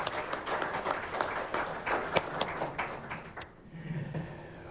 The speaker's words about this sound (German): Herzlichen Applaus für